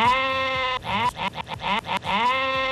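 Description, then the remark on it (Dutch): A sheep bleats loudly, a long wavering baa followed by a choppy, stuttering middle section and another drawn-out bleat, with no one talking. “De dag van het schaap.”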